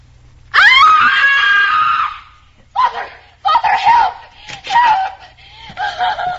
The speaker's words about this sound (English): why are you screaming? What's the trouble?